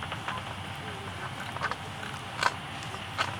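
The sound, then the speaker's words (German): A bat catching an insect: three short, rasping zipper-like buzzes, spaced about a second apart, rising briefly above a steady background hiss. No voices. “Und das ist immer dann, wenn die Fledermaus ein Insekt fängt.”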